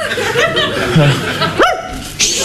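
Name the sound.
dog barking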